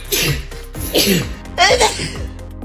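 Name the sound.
sneezing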